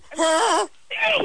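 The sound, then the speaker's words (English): A voice imitates a goose's honk with two nasal, strained calls, the first longer with a wavering pitch, the second shorter and higher after a brief pause. “It was like a honking noise, like honk.”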